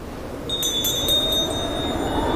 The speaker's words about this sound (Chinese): 茫茫沙漠又传来了悠扬清澈的风铃声，这风铃声流逝吸引在的清晨，这风铃声启迪后来这个理想，我心归此是敦煌。